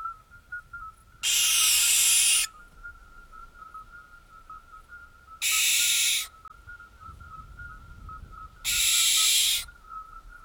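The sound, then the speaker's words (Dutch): An owl, called the 'bird of death', gives three loud, harsh, hissing screeches, each lasting about a second with pauses between, while a faint steady high-pitched whistling tone runs underneath throughout. “Et les gens disaient, hier soir j'ai entendu l'oiseau de la mort passer.”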